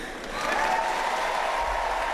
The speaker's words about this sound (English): You can hear the roar of the crowd there. That's coming from Channel 9's coverage there.